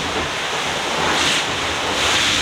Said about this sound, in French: Ça, c'est quand on se plante un peu, mais pas trop fort. Donc c'est une vague qui passe par-dessus le pont.